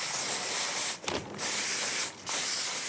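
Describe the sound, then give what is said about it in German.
A spray paint can hisses in long, steady bursts, broken by two short pauses around the one- and two-second marks. The spraying is loud, with no voices. “Er bemalt Wände und andere Flächen mit der Sprühdose.”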